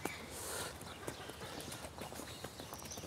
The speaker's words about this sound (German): Die Esel haben begriffen. Alle laufen sie sehr entspannt,